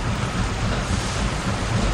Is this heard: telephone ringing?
no